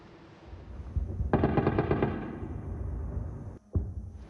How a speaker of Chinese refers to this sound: 这是由外国媒体所发放的影片，24号的凌晨，密集的防空炮火声响不断，在基辅的夜空，而且有不断的巨大爆炸声如此传出。